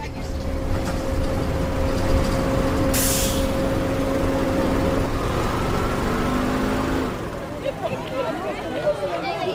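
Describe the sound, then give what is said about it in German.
A bus carrying schoolchildren after school drones steadily, a sharp hiss of air brakes bursting out partway through, then the rumble drops away as muffled voices chatter indistinctly near the end. “alle trafen sich nach der Schule, um gemeinsam mit dem Bus zu Peters Haus zu fahren”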